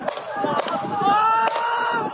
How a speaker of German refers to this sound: Schüsse und Schreie am Fuße eines kargen Hügels in der Nähe der palästinensischen Großstadt Nablus im nördlichen Westjordanland, gefilmt mit einem Mobiltelefon aus einiger Entfernung.